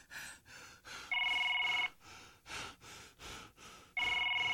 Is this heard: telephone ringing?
yes